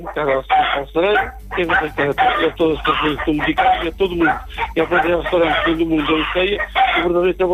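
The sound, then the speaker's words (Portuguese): A chicken clucks loudly and steadily, a busy run of short, choppy calls that fills the whole stretch with hardly a pause. “Manda aí um chute a essa galinha, só sabor.”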